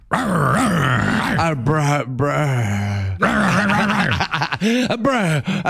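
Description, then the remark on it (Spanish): A human voice imitates a dog, growling and groaning in rough, drawn-out bursts with breathy panting between them, loud and close for several seconds. “Sí, jadeando ya. Es una perra.”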